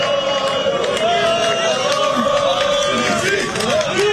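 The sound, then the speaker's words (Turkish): A crowd of football fans in Istanbul chants for Kosovar striker Vedat Muriç as he comes to greet them, a loud, steady wall of voices carrying a sung melody, with occasional sharp shouts or claps breaking through the continuous roar. “Evet, Vedat Muriç'e tezahüratlarla sevgi gösterisinde bulunuyor şu anda taraftarlarımız.”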